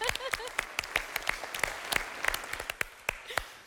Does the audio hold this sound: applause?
yes